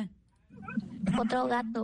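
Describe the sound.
A child's voice imitates a cat's meow with a drawn-out, wavering cry, fairly loud, rising out of a quiet, low hum.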